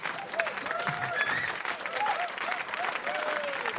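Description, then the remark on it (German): An audience claps steadily and densely for several seconds at an even, fairly loud level, with a few brief voiced whoops or calls rising over the clapping. “Wir tun jetzt einfach mal so, als hätten Sie wahnsinnig geklatscht, ja?”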